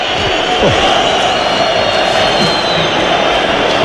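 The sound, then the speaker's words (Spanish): A football crowd at San Mamés reacts to Celta taking a 0-1 lead over Athletic in the fourth minute, with a dense, steady roar of many voices that holds at a constant loud level for about four seconds, without sharp cheering peaks. “Así suena San Mamés en el 4 de partido.”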